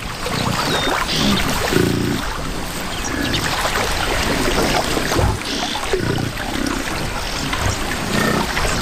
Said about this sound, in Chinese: 一些非洲水牛在出发前下水洗澡，享受河水带来的清凉。